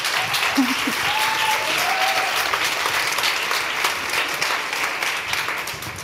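Sustained audience applause, a dense steady wash of many hands clapping at an even loudness for several seconds, with a few faint voices briefly audible underneath early on.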